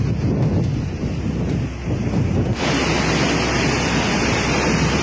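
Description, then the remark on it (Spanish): A loud, continuous roar of wind and rushing floodwater, a large swollen channel churning steadily at El Hinojal, La Serena, where a car is stuck in the flow, with gusty buffeting in the first half and no voices. “Se puede apreciar viento, se puede apreciar el agua, un cauce bastante grande, y se ve, al menos veo a dos personas que están aparentemente en la zona alta de este carro, que están no pudiendo avanzar.”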